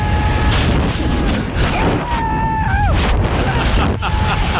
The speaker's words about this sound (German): Viel Action auf jeden Fall, viel Wind, es geht ordentlich ab. Erstmal schön im freien Fall und dann geht irgendwann auch der Fallschirm auf.